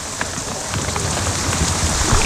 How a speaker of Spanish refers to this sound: Brutal. Si el granizo es muy fuerte. El granizo es muy, muy fuerte.